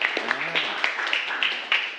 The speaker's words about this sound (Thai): ขอเสียงปรบมือให้กับกลุ่มที่4นะครับ